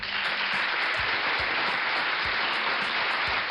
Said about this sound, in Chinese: 这个掌声是我们要送给熊妈妈的啊